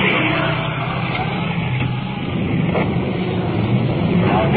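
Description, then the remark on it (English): A big fire pumper truck rolling code 3 rolls past a vehicle pulled over at the curb, with a steady, heavy engine rumble and broad road noise, holding fairly even in loudness for several seconds with no clear siren tone. “We've pulled up at the curb to allow a big pumper truck to roll past us.”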